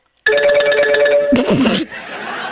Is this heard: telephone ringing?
yes